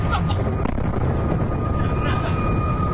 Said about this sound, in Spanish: En total, según informa su Ministerio de Defensa, hoy han derribado al menos 15 misiles y 4 drones disparados desde Irán, aunque uno de ellos impactó directamente en un complejo petrolero. Este fue el momento del impacto.